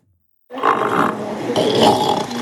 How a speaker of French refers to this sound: Celui de Houmous qui vous dit coucou, bonjour. Houmous, ce petit phoque retrouvé tout seul sur la plage des Petites Dalles fin août, on vous en avait parlé sur Ici Normandie.